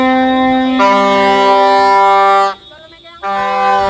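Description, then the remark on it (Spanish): Loud, sustained horns from dozens of ambulances blare together in long overlapping blasts, briefly cutting out before resuming. Ambulance workers are protesting by driving around the regional health department offices in Santa Cruz de Tenerife and Las Palmas de Gran Canaria, using loudspeakers and horns. “Así, decenas de ambulancias circularon por los alrededores de las sedes con altavoces y con pitos pidiendo una actualización de las tablas salariales en un nuevo convenio, porque actualmente lo que cobran es el SMI.”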